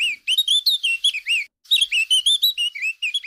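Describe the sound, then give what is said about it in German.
A Eurasian blackcap sings a rapid, bright warbling phrase of fluting notes and chirps, clear, with a brief pause before a second burst; no talking. “So tönt die Mönchsgrasmücke.”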